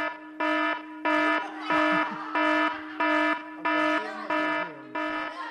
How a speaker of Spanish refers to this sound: Va a sonar la alarma de evacuación, chaval. Van a tener que ir los bomberos hoy ahí.